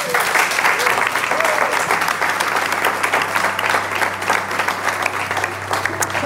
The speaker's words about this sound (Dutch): Maar dankjewel jullie om hier te zijn. En ik vraag een hartelijk applaus voor mijn gasten